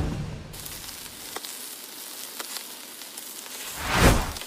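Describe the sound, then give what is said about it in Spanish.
Steady crackling sizzle of meat on a barbecue grill, a broad hiss with scattered pops and a louder burst of spitting near the end. No one speaks. “Creí que está chillando ahí. Está la carnita, el asador, ya, ¿o qué?”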